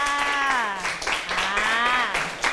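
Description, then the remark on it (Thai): Classroom applause: a group of students claps in a steady patter for a couple of seconds for a classmate who answered correctly, while a voice rings out over the clapping, moderately loud. “ห้องล่างขวาถูกต้องหรือเปล่าคะถูกต้องไหมคะถูกต้องค่ะปรบมือให้เพื่อนค่ะ”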